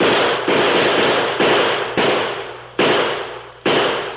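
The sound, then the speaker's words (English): A string of about five loud gunshots fired out of a window in irregular succession, each sharp crack trailing off in a long echoing decay before the next. No voices. “Pump some more slugs out this window with me.”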